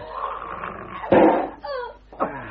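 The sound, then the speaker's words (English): A dog that has got loose, unfed for two days, snarls and growls ferociously as it attacks its master, with a loud rasping burst followed by harsh, rising yelps and snaps in quick succession. “My God, my God, the dog's got loose.”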